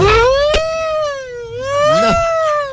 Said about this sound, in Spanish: No, qué sirena tan desafinada. Está como desafinada, te iba a decir, suena como borrosa.